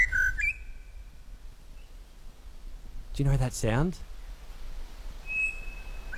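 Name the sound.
pied Butcherbird song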